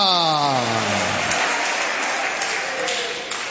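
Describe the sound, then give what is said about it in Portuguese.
A church audience claps steadily in praise of the Lord in a dense, sustained wash of applause, with a voice calling out briefly over it at the start. “Eu escuto as palmas, mas não escuto glória a Deus.”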